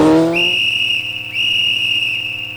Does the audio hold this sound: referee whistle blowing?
yes